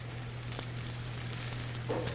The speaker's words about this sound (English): Heat up the pan. Now you have to put green onions in this recipe. It just makes it so delicious. I'm gonna hear it sizzle.